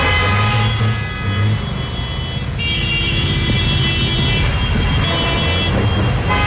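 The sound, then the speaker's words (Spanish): Road traffic, jammed by a motorcycle accident in front of Metroparque, rumbles steadily and loudly, with long sustained car horns droning over the continuous engine noise throughout; no one speaks. “Nada más se ve el tráfico colapsado a causa del accidente.”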